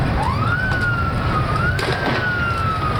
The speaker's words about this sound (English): The sound of police breaking up a crowd Sunday night. They originally gathered to celebrate Lionel Messi's last game, but things got ugly when authorities went to break up the gathering, some whipping stones and other objects at police,